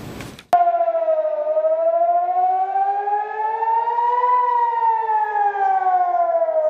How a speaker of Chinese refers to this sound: 当地时间6月7号晚，以色列北部多个地区拉响防空警报。据以色列国防军通报，伊朗当晚向以色列发射导弹，均被以军拦截。